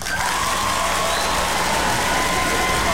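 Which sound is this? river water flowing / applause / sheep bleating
applause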